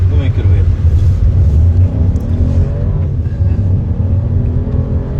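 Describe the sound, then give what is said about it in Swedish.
A car is driven around the Bulltoftabanan track in Malmö by a young person with visual impairment together with a driving instructor, its engine loud, humming steadily with rising and falling revs as it speeds up and eases off. “Där fick unga med synnedsättning testa att köra bil tillsammans med en trafiklärare.”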